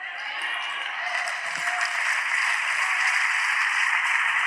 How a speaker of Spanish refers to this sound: Ese aplauso se siente bien, sea para Dios. Alábalo, alábalo con fuerza. Vamos, que el cielo vea que tú estás aplaudiendo por lo que Dios te acaba de decir.